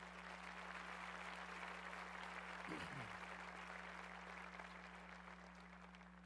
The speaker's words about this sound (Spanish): Muy bien. Dale fuerte ese aplauso al Señor, claro.